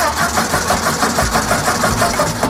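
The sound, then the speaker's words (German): A petrol car engine cranks and runs with a steady, rhythmic chugging putter, loud, with no voices over it. “1886 hat Karl Benz in Mannheim den allerersten benzinbetriebenen Wagen der Welt gebaut.”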